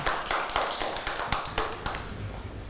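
A small group of children clap their hands in a loose, uneven burst of sharp smacks that thins out and fades after about two seconds. No one speaks.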